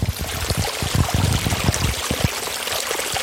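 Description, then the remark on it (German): Pumped water pours steadily into the Nebelbach brook to keep it wet during a dry spell, a dense splashing rush with low gurgling bursts, fairly loud, continuing without pause and with no voices. “Derzeit klingt das Befeuchten aber meist so.”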